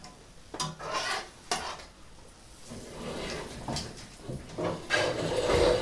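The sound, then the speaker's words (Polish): Thin pancakes (naleśniki) frying in a pan, watched so they don't burn, with a handful of sharp scrapes and clanks of a utensil against metal over a soft, steady background hiss, with no talking. “Teraz będę smażyć kolejne naleśniki, więc wrócę do podcastu, kiedy będą już gotowe.”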